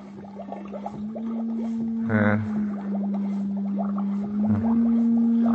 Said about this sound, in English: Encephalograph.